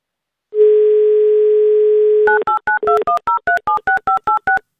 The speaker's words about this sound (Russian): Так, номер набран. Ждем мы гимн «Авторадио». Гудки нам не нужны, деньги они не приносят.